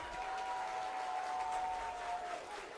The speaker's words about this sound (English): The Buffalo crowd coming to life once again. Realizing the golden opportunity the Bison have here.